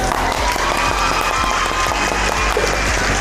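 Steady, dense applause fills the whole stretch, many hands clapping at once in a continuous, even roar with no voices breaking through.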